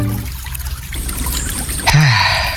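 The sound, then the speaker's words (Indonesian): Steady river water flows and trickles at a riverbank by a quiet village in the afternoon, a continuous gurgling wash that swells slightly louder toward the end, with no voices present. “Di tepi sungai di sore hari.”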